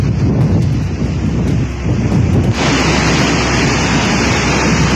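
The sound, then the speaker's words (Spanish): Loud, steady roar of wind buffeting the microphone over heavy rushing floodwater in a large channel at El Hinojal, La Serena, a dense continuous wash that grows brighter and harsher about halfway through, with no voices. “Se puede apreciar viento. Se puede apreciar el agua, un cauce bastante grande”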